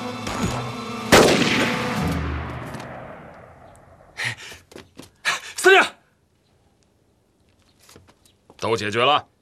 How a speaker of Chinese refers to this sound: 你听到外面的枪声没有啊？